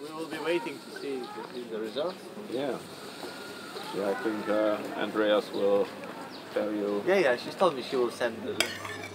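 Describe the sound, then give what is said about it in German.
Restaurant dining ambience at a restaurant in the centre of Palanga, a few hundred metres from the sea: cutlery and dishes clink intermittently under steady conversation from several people, with a sharp clink standing out near the end. “Schmeckt alles sehr gut hier.”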